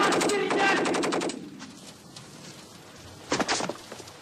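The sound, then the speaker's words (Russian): A loud burst of rapid automatic gunfire, a fast string of sharp cracks lasting over a second, followed by quieter noise and then a brief second volley of a few shots, fired at two Red Army soldiers at the doors of a church. “Сквозная автоматная очередь с той стороны убивает обоих.”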